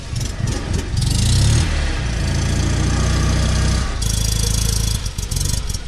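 A small car engine idles, one of around 70 such cars taking part in a charity expedition, a steady low chugging hum that holds throughout with slight shifts in pitch and brief bursts of higher hiss, with no voices present.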